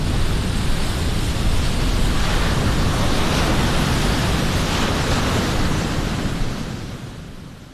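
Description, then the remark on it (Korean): A steady, heavy roar of surging sea water fills the scene, like waves crashing and churning together as the parted sea closes back over the Egyptian army in the biblical Moses story, holding loud and dense before gradually easing off near the end. No voices. “하나님께서 모세에게 손을 다시 바다 위로 내밀어 물이 다시 모이게 하셨어. 그렇게 물이 그들을 덮어 결국 이스라엘 민족은 자유가 됐지.”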